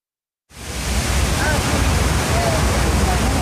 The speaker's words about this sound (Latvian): Ir silta septembra pievakare, un Ņujorkas pilsētas troksni vismaz šajā vietā slāpē ūdenskrituma šalkoņa.